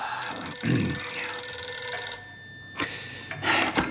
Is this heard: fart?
no